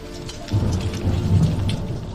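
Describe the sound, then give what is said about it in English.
Steady rain pours down, turning the roads into mud, joined after a moment by a deep, rolling rumble of thunder that swells and lingers beneath the hiss of the downpour. “But the rainy weather turns the roads into mush.”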